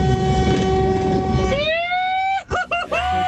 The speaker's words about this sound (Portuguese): Buzina aí, filho, buzina aí, vai.